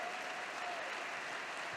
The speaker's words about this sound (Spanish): Dale sobre tu cabeza aplausos.